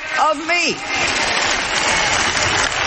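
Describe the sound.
Steady crowd applause fills the space, dense and sustained, with a brief voice rising and falling at the start before the clapping takes over.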